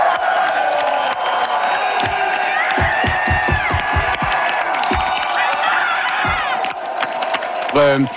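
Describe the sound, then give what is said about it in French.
A loud crowd of Parti Québécois supporters cheers and roars without pause at a political rally, with whoops, whistles and honking noisemakers. A burst of rhythmic clapping or stamping comes midway. “Et ça a beaucoup motivé les troupes du Parti québécois, comme on peut l'entendre dans cet extrait.”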